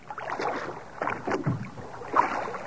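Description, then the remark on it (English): A small wooden rowboat is rowed a little out from the shore, away from a crowd, with rhythmic splashing and creaking oars over several strokes, with a breezy outdoor ambience behind it. “Let's get this boat away from this mob.”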